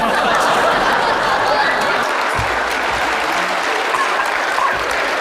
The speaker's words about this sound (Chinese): 谢谢大家热烈的掌声